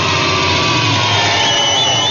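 A sewing machine being used by a grandmother runs steadily, its motor giving a continuous, loud mechanical whir with a buzzing high-pitched hum throughout, and no voices.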